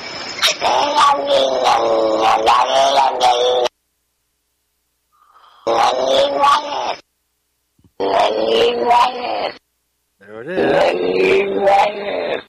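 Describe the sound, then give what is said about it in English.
A recording of a cat's yowls played in reverse, heard as four loud bursts of warbling, moaning sound separated by short silences, eerily resembling garbled speech. “Can we hear that cat just one more time? All of it all the way through.”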